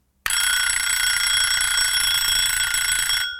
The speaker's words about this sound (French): 7h, le réveil sonne, mais ça fait déjà un bon moment que j'ai les yeux ouverts.